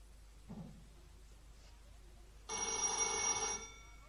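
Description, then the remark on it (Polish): A telephone bell rings once in a loud, bright, buzzing burst lasting about a second, preceded by a brief faint vocal sound and quiet room tone. “Telefon!”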